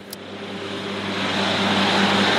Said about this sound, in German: Mit zusätzlichen extra breiten Reifen auf der Hinterachse mäht ein Traktor das etwa 1 Meter hohe Gras auf den Moorwiesen